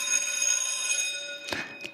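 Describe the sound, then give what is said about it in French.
The bell of the old primary school of Saint-Livre rings in a steady, bright, metallic tone for about two seconds, broken near the end by a couple of short rattling bursts. No one speaks. “L'entendez-vous, la cloche qui sonne de la vieille et charmante école primaire ?”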